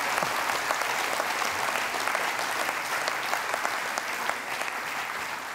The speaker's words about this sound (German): Ja, kann man klatschen, genau, da ist es halt.